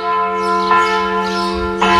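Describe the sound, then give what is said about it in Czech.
Church bells of the church in Marija Bistrica ring steadily and loudly, their sustained tones overlapping in a rich, resonant wash, with fresh strikes about a second apart and no voices present. “Dok slušamo zvuk zvona crkve ptice Marija Bistrica, evo nam i putokaza za odgovor.”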